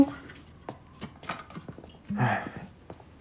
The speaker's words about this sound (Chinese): 哎，前一秒还说话呢，后一秒打呼噜来。